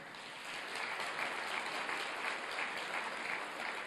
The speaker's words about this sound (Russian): Я сегодня хотел бы, чтобы вы адресовали свои очень пламенные аплодисменты этим людям, пожалуйста.